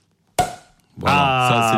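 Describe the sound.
A champagne bottle is uncorked: the cork pops once with a sharp, loud burst and a short fading ring, then a sustained voiced vocal sound follows.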